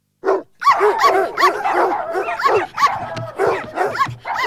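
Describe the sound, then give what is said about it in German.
Six Golden Retrievers bark and yip in a dense, overlapping chorus, high-pitched, going almost nonstop after a brief opening bark. “Wer möchte einen Hund? 6 Golden Retriever suchen ein Plätzchen.”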